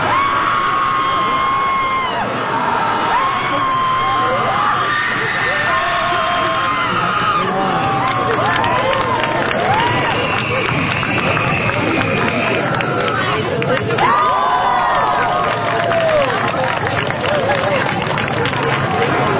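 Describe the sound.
A large crowd lets out a group guttural scream together at full volume, a dense, sustained roar of many voices with rising and falling yells, holding loud and steady for nearly twenty seconds.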